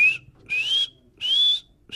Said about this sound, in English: It's also worth listening for Warrior himself. Benassi says you'd most likely hear a feeding call, which sounds something like...